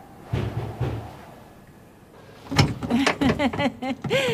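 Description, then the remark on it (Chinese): A door is unlatched and pulled open for someone who has no key, with a couple of dull clunks and a creak, then after a short pause several excited voices break in. “快开门，我没带钥匙。”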